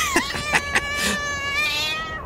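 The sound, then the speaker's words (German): A cat up high lets out one long, drawn-out meow that wavers in pitch, fairly loud, with a few soft knocks at the start and no talking. “Ich muss mich jetzt mal um die Katze da oben kümmern, sonst fällt die mir noch runter.”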